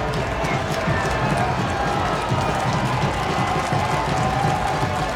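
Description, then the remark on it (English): A large stadium crowd at a Charlotte FC match against Toronto roars steadily to encourage Charlotte FC's players during a VAR review, a dense, continuous wash of cheering and shouting that holds at a loud, even level with no pauses throughout. “The crowd now trying to encourage Charlotte FC's players as something is being reviewed here by Lucas Spalla, tonight's VAR.”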